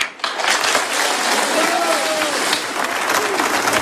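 A crowd at a popular tribute to Charlie in Concarneau, France, applauds a speaker loudly and steadily, dense clapping mixed with cheers and a few whistles, sustained throughout after a brief quieter start.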